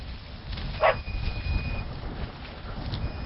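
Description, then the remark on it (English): A single sharp dog bark rings out near the start on a farm, where a dog runs alongside while tractors are driven around, set against a steady low rumble like an engine or wind outdoors. No one speaks. “he's driving around running the tractors and his dog Hua Hua is behind and running alongside us”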